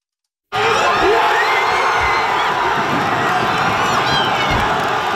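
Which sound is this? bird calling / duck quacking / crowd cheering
crowd cheering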